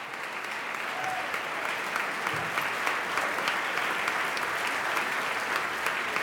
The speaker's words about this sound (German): Ein begeistertes Premierenpublikum. Applaus gibt es jetzt für die Mitglieder des Kammerchors der Universität Göttingen. Sehr spielfreudige Statisten und am Ende auch Sänger.